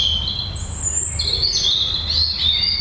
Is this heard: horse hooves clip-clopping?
no